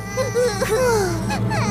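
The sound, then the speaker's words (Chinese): Someone crying in a loud, high, wavering wail, the pitch sliding up and down in sobbing bursts that run without a break for the whole short moment. “谁在哭啊？”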